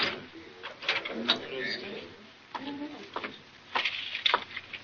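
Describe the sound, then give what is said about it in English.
A key rattles and turns in a door lock, making several sharp metallic clicks spread over a few seconds, with a murmur of voices in the background. “Lock it and bring me the key.”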